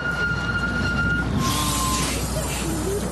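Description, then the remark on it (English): Dense road traffic fills the scene, a steady rumble of engines with a thin high-pitched whine drifting above it, heard from a vehicle stuck behind a bus. “Oh, I got stuck behind the bus again.”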